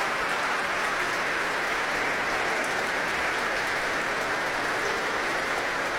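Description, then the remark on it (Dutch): Enthusiastic applause from a large audience in the main hall of the Concertgebouw for the Concertgebouw Orchestra, standing to receive it, a dense, steady roar of many hands clapping at once, loud and unbroken throughout, with no voices standing out. “Hij laat het orkest weer opstaan om dit zeer enthousiaste applaus in ontvangst te nemen.”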